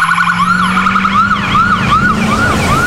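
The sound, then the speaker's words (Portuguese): An ambulance siren sweeps up and down in quick, regular cycles, loud, over a steady engine drone, with no voices. “Imagine precisar correr para salvar uma vida, mas o caminho é cheio de buracos. Em Mato Grosso, quem está na ambulância não pode perder tempo”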